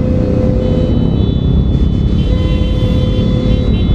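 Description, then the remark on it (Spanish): Steady, dense low rumble of idling and creeping car engines in a heavy stop-and-go traffic jam on the eighth ring road, where drivers have been stuck about 45 minutes, with a few faint horn-like tones over the continuous drone; no voices. “como pueden observar, 45 minutos ya está en este tráfico tratando de pasar por esta zona.”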